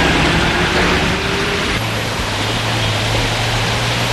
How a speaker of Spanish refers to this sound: Y así suena ese ambiente que hay, ese sonido de ir y venir de los coches, de los peatones, esperando, desesperándose ante esos semáforos que a veces parecen eternos